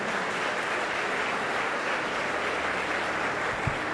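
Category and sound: crowd, audience applause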